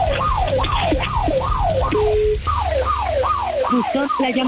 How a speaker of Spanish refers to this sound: A ver, es que sí, se le toca la alarma de la sucursal.